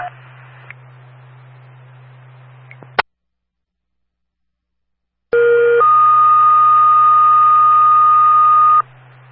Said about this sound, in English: dispatch on the air testing the tones, monitors, and receivers for the Ashway, Carolina, Hope Valley, and Hope Valley has that all call.